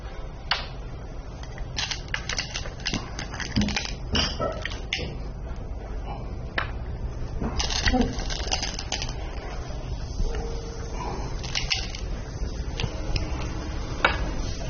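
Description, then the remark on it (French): Go stones click against a wooden board in an irregular series of sharp, bright taps, some spaced apart and others in quick clusters, over a steady low background hiss with no talking. “Le bruit compte beaucoup dans le go. Vous n'en faites pas beaucoup.”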